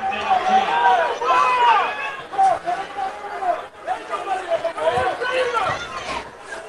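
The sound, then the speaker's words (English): A stadium crowd roars and shouts during a football game, calling for intentional grounding after the quarterback rolls left and throws the ball away, many overlapping voices yelling in a steady loud wash with brief dips partway through. “And crowd calling for intentional grounding, but he was well out of the pocket.”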